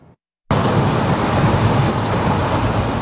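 Heavy trucks rumble steadily through busy street traffic in Ottawa's downtown core, a loud, continuous low roar of engines and tires that starts abruptly after a brief quiet moment, with no one speaking.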